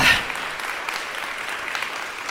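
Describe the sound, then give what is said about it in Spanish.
An audience applauding together to give applause to the King, a dense, steady wash of many hands clapping at an even level for a couple of seconds, with no voices standing out. “Démosle un aplauso al Rey.”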